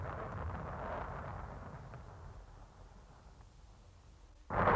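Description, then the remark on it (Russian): A deep, rolling rumble of thunder from a thunderstorm under a completely clear sky that slowly fades over several seconds, followed by a sudden loud crack or burst at the very end. No voices are heard. “Бог с тобой, девочка, это гроза.”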